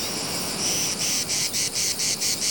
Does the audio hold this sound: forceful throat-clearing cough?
no